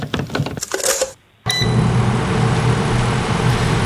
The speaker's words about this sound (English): Now, but you think that's a microwave, don't you? No, it's an air fryer. Oh, it's an air fryer. It is.